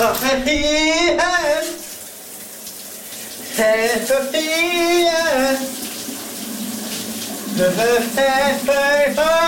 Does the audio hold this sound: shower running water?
yes